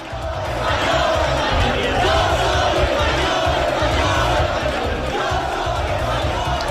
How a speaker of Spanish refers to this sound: Abucheos e insultos ha escuchado el presidente del gobierno a su llegada.